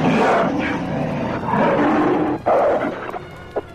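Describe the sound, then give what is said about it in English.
A powerful gray werewolf's deep, loud growl swells into a rumbling roar as it challenges another werewolf, sustained for nearly four seconds with a few rough breaks and snarling pulses near the end, no voices present. “A second werewolf, a powerful gray werewolf, now rumbles its challenge to Erica.”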